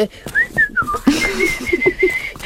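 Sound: person whistling imitating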